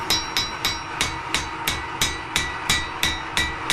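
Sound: hammering metal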